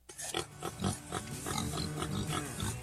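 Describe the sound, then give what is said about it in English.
Pigs grunting on a pig farm in Middletown, Missouri, a steady jumble of low, snorting grunts from several animals, continuous for a few seconds with no one talking. “I'm Dustin Coleman, a pig farmer from Middletown, Missouri”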